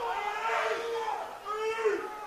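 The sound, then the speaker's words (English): A baseball stadium crowd boos an 0-2 pitch called a ball, a loud, sustained wave of low, droning voices that swells, dips briefly, then rises again across the whole stretch. “Fans not liking that one at all. Hear the frustrations that from the crowd.”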